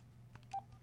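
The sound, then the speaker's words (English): A few quick touch-tone beeps from a phone keypad dialing a number, one louder than the others, spaced unevenly over a low steady hum with no voices. “I don't know what number I just dialed.”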